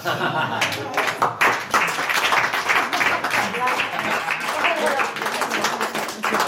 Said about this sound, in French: Et on applaudit la toute dernière de Philippe Battaglia dans les Decodeurs. Voilà, c'était un plaisir de vous avoir.